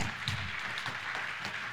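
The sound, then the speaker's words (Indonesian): A crowd applauds for team B in a judged competition, with a steady, dense patter of many hands clapping at once, moderately quiet and even throughout, with no voices over it. “Tepuk tangan untuk regu B.”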